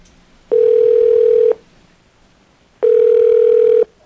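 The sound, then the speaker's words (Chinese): Two steady telephone ringing tones, each about a second long with a pause between, heard clearly and alone as a call rings through on the line, a call placed around half past seven in the evening after work. “啊，我就迄阵下班七点外吼，七点半左右我就甲卡，恁听看卖哦”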